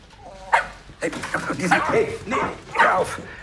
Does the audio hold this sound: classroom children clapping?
no